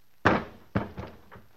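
A heavy thud as a man who has been shot drops hard to the floor, followed by a second softer impact and a couple of faint settling knocks, with no voices.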